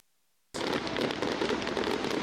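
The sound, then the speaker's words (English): After a brief moment of silence, a loud, dense barrage of fireworks from the Boomfest show at Skyview Lake in Norfolk erupts, rapid crackling bursts merging into a continuous roar that keeps going without pause. “For thousands of people, it is a single night of jaw-dropping explosions.”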